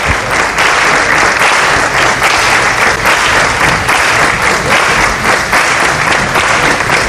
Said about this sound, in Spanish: y ahora supongo que les será entregado algún que otro obsequio y palmas por Huelva, ahora aquí en los jardines de la Casa Colón, como podéis escuchar.